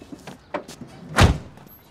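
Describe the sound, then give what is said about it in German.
A car door slams shut with one heavy thud, preceded by a few softer clicks and rustles of the door being handled. No one speaks. “Die Tür ist zu.”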